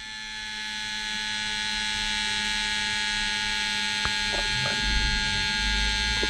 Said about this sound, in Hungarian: És egyébként ugye egészen keményen rászorítja magát ezt a kis felfújható párnát a csuklóra, és akkor úgy méri, és egész hosszan méri, hallhatjátok, még mindig zúg.